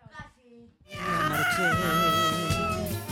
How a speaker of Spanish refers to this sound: Había un gato por ahí protestando, ¿eh?